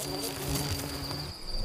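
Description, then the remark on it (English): A steady buzz of insects around a light outside a remote bush lodge hums continuously, with a high whining tone and lower droning layers, and no voices. “And the unmistakable buzz of insects.”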